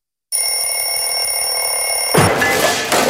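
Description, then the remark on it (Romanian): An alarm clock rings loudly and continuously with a shrill, steady electronic tone, then breaks into a noisier burst near the end, with no voices present. “Ai meciuri cu ceasul deșteptător?”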